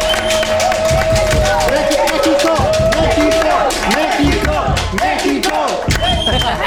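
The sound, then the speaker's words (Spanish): A crowd applauding Mexico's national football team for its World Cup run, dense overlapping claps mixed with cheers and indistinct voices, loud for the whole stretch. “Sí, y la verdad es que este sueño mundialista merece que le demos unos aplausos a nuestros seleccionados.”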